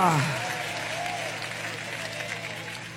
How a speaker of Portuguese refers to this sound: É vida de vitória ou não é? Então aplaude a Ele.